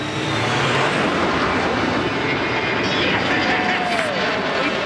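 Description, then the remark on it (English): A Canadian Avro Arrow jet aircraft, Arrow 201, taking off: a loud, steady, full-bodied engine roar fills the whole clip, with faint whining tones sliding through it and no pause or break. “Although the government cancelled the project and destroyed the prototypes, the Avro Arrow remains for Canada a world benchmark in aerospace achievement.”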